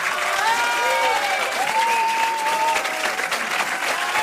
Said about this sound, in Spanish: Y así recibía José Luis Rebordinos, que dirige por última vez el Festival de Cine, una cálida ovación de despedida por parte de la Academia de Cine.